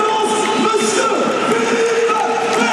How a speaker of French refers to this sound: Voilà, et le public lensois qui l'applaudit.